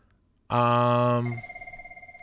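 A telephone rings loudly with a sudden bright, buzzing tone that starts abruptly, holds for about a second, then thins into a fainter pulsing ring as it fades.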